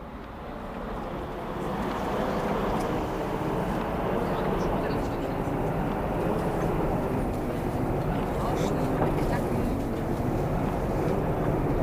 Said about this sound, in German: Na, die Straßenbahn, die rauscht da ganz vor sich hin so.